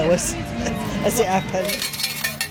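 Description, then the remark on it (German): Coins clink and rattle out of a change machine as a woman collects small change for her children to spend on slot machines, in a quick run of bright metallic chinks, with a low murmur of voices underneath. “Sie holt am Wechselautomaten Kleingeld, das ihre Kinder an den Spielautomaten ausgeben können.”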